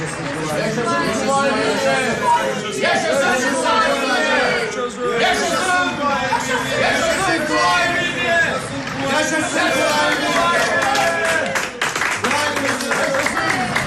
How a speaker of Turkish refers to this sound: Yol kenarlarından, pencerelerden bize alkış tutuyorlar. Vay canına, bu insanlar bizim için mi dökülmüşler yollara? Evet, kahramanlar gibi karşılıyorlar.